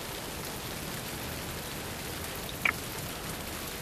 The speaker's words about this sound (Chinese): 星城的天真是怪呀，说下雨就下雨。